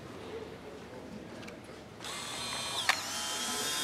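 A camera takes a photo of a person's face: a steady mechanical whir starts halfway through, with a single sharp shutter-like click near the end, over faint background noise.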